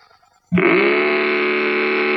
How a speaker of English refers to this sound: Well, you can make it roar with Mattel's terrific new Varum hot rudder engine. Put it on a trike like this, or like this. You get your own special key. Start it like Dad's key starts his car.